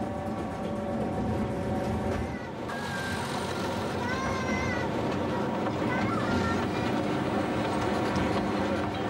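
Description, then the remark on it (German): A narrow-gauge train rolls into Engeln station, 465 metres above sea level, a heavy steady rumble of wheels overlaid with shrill, wavering squeals from the brakes and rails as it slows. “Einfahrt im Bahnhof Engeln.”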